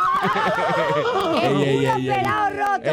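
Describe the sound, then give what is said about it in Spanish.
A human voice imitates a horse's whinny, a loud, wavering, quivering neigh that slides downward over a few seconds, with no other sounds. “¿cuándo vamos a relinchar en tu camita de nuevo?”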